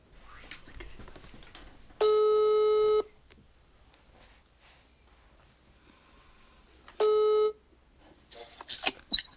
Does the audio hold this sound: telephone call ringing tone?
yes